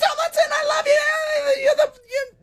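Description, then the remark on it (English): A loud, high-pitched excited shriek like "oh, my God!" held for about two seconds, followed by a shorter squeal, a thrilled fan screaming as Louis Tomlinson walks on stage. “And then you just need to scream like, oh, my God!”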